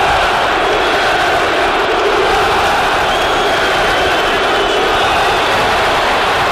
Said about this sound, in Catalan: també es va esmentar el nom de cada futbolista de la plantilla a megafonia, i quan va aparèixer Julián... xiulets, crits, insults, quan va sortir a escalfar.